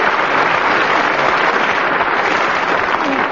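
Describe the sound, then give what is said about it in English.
Steady audience applause, a dense, even wash of many hands clapping that holds at a loud, constant level for a few seconds with no voices standing out. “But not quite as much applause as I got.”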